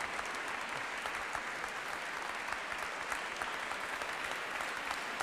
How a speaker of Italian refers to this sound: L'applauso, non scontato devo dire, ma estremamente spontaneo, vi giunge dalle tantissime persone che anche questa sera sono con noi per assistere alla serata conclusiva delle quattro previste per la rassegna e il famoso concerto di gala